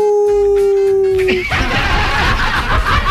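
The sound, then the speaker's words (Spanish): A person imitates a wolf, letting out one long, steady howl that dips slightly in pitch before breaking off into a loud, rough burst of noise. “¿Cómo dice el lobo? ¡Au!”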